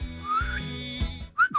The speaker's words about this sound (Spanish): No entiendo tu silbido y tu seña, ¿no?